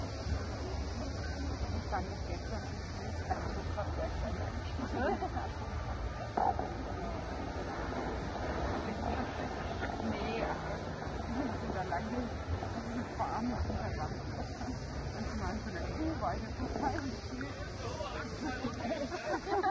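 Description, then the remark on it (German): Locomotive 35 backing up slowly, giving off a steady low rumbling and hissing drone that holds an even level throughout, with faint crowd murmur in the background. “Die 35 setzt jetzt zurück.”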